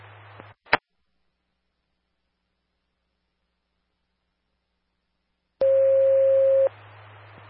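Radio static cuts off after a sharp click, then after a long silence a loud, steady single fire dispatch alert tone for County Engine 51, toned out for a fire assist at 6647 US 64, sounds for about a second over hissing static.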